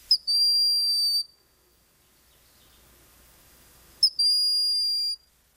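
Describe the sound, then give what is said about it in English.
Two thin, high-pitched whistles of a broad-winged hawk, each a brief rising pickup followed by a long, steady piercing note lasting about a second, separated by a few seconds of quiet. No voices. “And then there is the broad-winged hawk, whose call, like that of its relatives, is non-imposing.”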